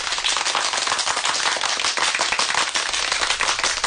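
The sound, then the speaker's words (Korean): A large crowd applauds warmly and steadily, a dense, continuous patter of many hands clapping, loud and sustained without pause and with no voices. “사람들은 뜨거운 박수를 보내며 모태똥의 말뜻을 되새기었다.”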